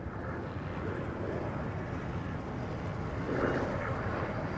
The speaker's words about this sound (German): Helikopter filmt die Szenerie von oben. O.J. Simpson in einem weißen Auto, dahinter mehr als ein Dutzend Polizeiwagen.